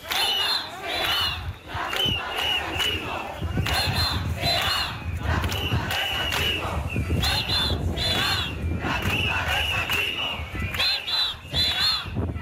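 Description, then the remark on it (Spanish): A large protest crowd of thousands in Ceuta, marching toward Tarajal, shouts chants such as "Ceuta será la tumba del sanchismo" and "Marlaska, canalla, defiende los caballas" in loud, rhythmic bursts that recur every few seconds over a constant roar of many voices, with shrill cries rising above the din. “Bueno, pues gritos como Ceuta será la tumba del sanchismo con estas resonancias históricas.”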